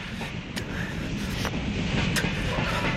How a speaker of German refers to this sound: Zug da vorne am Lichterdreieck. Bringt uns fast nach Detroit.